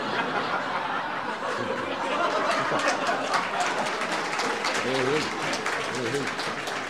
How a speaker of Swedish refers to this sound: Tack så hjärtligt för den applåden.